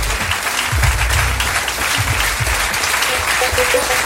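A crowd applauds steadily on Cruise Radio, for listeners born in the 1960s, a dense wash of clapping that stays loud and even for the whole stretch, with a few low thumps and faint voices mixed beneath it.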